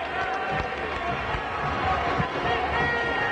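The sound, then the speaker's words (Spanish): A large stadium crowd applauds and cheers the Táchira team, the aurinegros, as they come out, in a steady, dense roar of clapping that holds at an even level throughout, with voices mixed into the noise. “Un aplauso de todo el público. Inferior casi a reventar y aquí aplauden, sin duda, a los aurinegros.”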